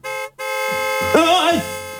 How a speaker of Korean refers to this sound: 차조심해. 괜찮아? 오빠, 근데 저 자동차 우리랑 반대쪽인데. 아니, 너 클락션 소리 놀아서 아유 너 클락션 소리에 놀라서 넘어지면 어떡해.